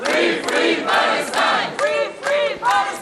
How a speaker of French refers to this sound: Sous les applaudissements et les slogans, les militants français de la flottille sont accueillis par leurs proches.